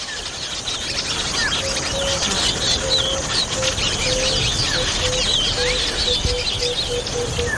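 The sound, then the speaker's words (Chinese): A dense chorus of many African weaver birds chirping and twittering at once, high and busy with overlapping calls, over a steady rustling background and a faint repeated low tone. “非洲的织巢鸟几乎用上了所有招数，想尽办法呵护雏鸟。”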